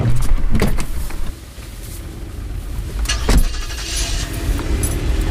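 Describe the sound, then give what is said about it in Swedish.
A car brakes to a stop outside the entrance of a residential building, its engine rumbling low beneath a few sharp mechanical clicks and a brief motorized whir, with no voices. “Milena bromsar in utanför porten till huset där Sherry bor. Hon väntar i bilen tills hon ser sin vän komma gående.”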